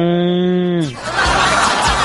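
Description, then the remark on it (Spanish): A calf gives one steady, drawn-out moo that sags downward in pitch at its end, followed by a burst of rough, noisy sound. “¡Un ternero! ¡Un ternero!”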